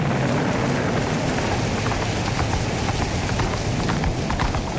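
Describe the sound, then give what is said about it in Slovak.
Steady clip-clop of a horse's hooves carrying a rider over rocky ground amid heavy rain, wind and a loud, continuous storm roar. The hoofbeats are faint but regular, and no one speaks. “nikdy neskončí táto hrozná búrka. Nikde ani stopa po životvorovi. Všade samá skala, vietor a dážď. Kam ma to nesieš? Hej, prr, stoj!”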